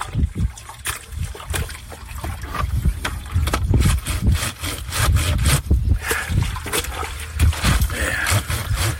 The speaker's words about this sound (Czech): A teď jdeme prát. Použil jsem asi 70 let starou valchu a jako prací prostředek jedlou sodu, smíchanou s vodou.